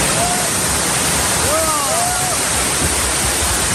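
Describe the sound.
Heavy rain from a storm pours down steadily onto the tents of the encampment at Puerta del Sol in a dense, loud roar that never lets up, with a few faint voices or whistle-like calls rising briefly in the background.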